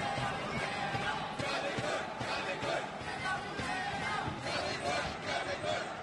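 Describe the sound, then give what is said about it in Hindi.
Indian fans in a badminton stadium chant "Pullela Pullela" and "Jolly Good" in unison during a women's doubles match featuring Treesa and Gayatri, a loud, continuous roar of many voices with a steady rhythmic pulse that fills the whole stretch. “बार बार stadium Pullela Pullela jolly good के नारों से गूंजता।”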